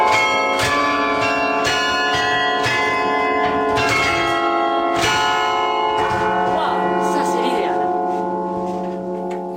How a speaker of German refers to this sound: Die Glocken von Halle beenden die Regionalnachrichten